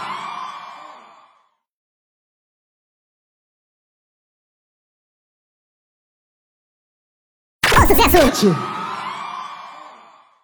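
A loud burst of audience cheering and screaming erupts after several seconds of silence and then slowly fades. A brief, fading vocal sound is heard at the very start.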